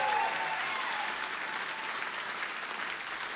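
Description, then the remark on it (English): A live music audience cheers and applauds the drummer steadily, a dense wash of clapping with scattered whoops that holds at an even, fairly loud level for the whole stretch. “Y'all need to scream louder than that.”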